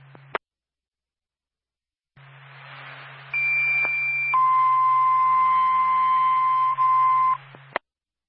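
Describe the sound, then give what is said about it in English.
A two-tone Littleton Fire Department dispatch page over radio static, for a second-floor fire alarm call at the Union Bank, 76 Main Street: a high steady tone for about a second, then a lower sustained tone for about three seconds, loud and clear, with a low hum underneath. “Stand by for tone.”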